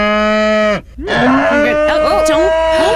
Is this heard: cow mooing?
yes